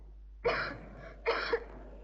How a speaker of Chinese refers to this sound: 可是海伦呢，比我还惨，外面下着大雨，他仍然在那里罚站。海伦的咳嗽声声都震动着我那颤抖的心，这咳嗽声比雷声还要响。